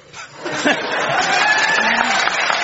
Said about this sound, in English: When you get applauded for alliteration, you know you're listening to BBC Radio 4.